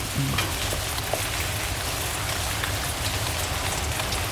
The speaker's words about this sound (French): Enfin la pluie. Enfin. Ça rafraîchit.